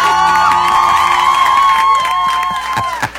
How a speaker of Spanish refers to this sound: Un aplauso para mí.